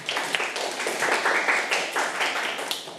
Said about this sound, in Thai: เก่งมากค่ะนั่งลงได้ค่ะเด็กๆปรบมือให้เพื่อนค่ะ